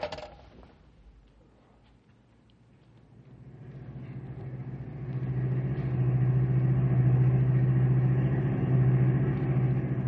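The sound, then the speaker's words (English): A car engine drones as the vehicle drives along, its low hum swelling over the first few seconds and then holding steady and fairly loud, with no voices. “Pull alongside Pat's car, pal.”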